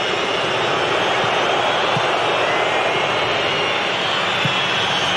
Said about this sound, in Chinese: 挪威球迷呢，在报以嘘声，示意比赛该结束了，比赛结束了。